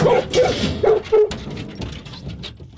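A dog whimpers and gives a few short, high yips and barks in quick succession before the sounds fade into quieter background noise.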